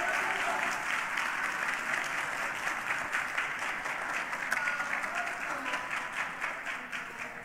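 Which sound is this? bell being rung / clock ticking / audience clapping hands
audience clapping hands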